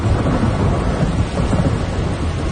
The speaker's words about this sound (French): Alors, je m'étais rangée, j'étais embarquée sur une île pour attendre la fin de la pluie, de l'orage.